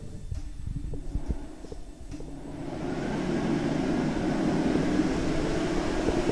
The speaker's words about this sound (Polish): Suszarka.